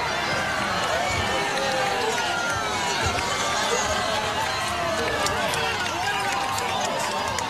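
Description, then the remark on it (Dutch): A large crowd cheers and shouts at a spectacular natural phenomenon at its peak, people holding each other. Many overlapping voices merge into a dense, steady roar that stays loud for the whole stretch, with no single voice standing out. “Mensen juichen, ze houden elkaar ook eventjes vast, zie ik.”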